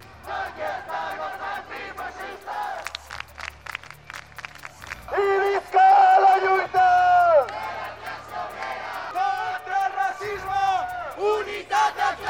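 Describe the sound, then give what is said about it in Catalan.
A protest crowd of more than 500 people marching through the centre of Palma, carrying a large Palestinian flag, chants slogans against the genocide, such as "Boicot Israel!", in rhythmic, shouted unison, with loud sustained bursts of massed voices, some clapping and scattered whoops rising and falling throughout. “En aquesta marxa han duit una gran bandera palestina i s'han sentit moltes consignes en contra del genocidi.”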